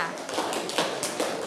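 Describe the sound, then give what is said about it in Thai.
A classroom of students claps together for group 4 before its representative comes out to present worksheet answers, a dense, steady patter of many hands at moderate volume for the whole moment. “ตัวแทนกลุ่มแรกขอเป็นกลุ่มที่4ค่ะปรบมือให้กลุ่มที่4หน่อยค่ะ”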